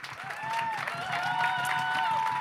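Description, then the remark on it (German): An audience at a CSD (Pride) event applauds steadily for a couple of seconds for the artist who designed the posters, dense clapping with a few voices whooping or cheering on top. “Gebt mal kurz einen Runde Applaus für den Künstler.”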